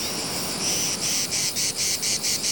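A chorus of male cicadas sings loudly, a shrill continuous buzz that swells into steady rhythmic pulses, with no voices present.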